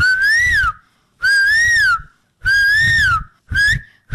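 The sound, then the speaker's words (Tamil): A school student doing mimicry imitates a koel's call with four loud whistled notes, each rising and falling, repeated in a steady rhythm with short pauses between; the last note is shorter. “இது எனக்கு தெரியுமே, குயில்.”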